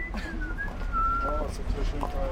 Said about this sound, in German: Auf der Straße versucht ein junger Mann, die Star-Wars-Melodie zu pfeifen. Nur eben in schief.